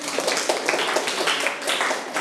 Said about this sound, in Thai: โอเคเก่งมากปรบมือตัวเองดังๆได้เลย